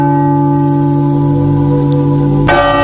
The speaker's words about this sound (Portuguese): Escuto os sinos da Catedral de Belém, onde nasceu Jesus, filho de Virgem Maria.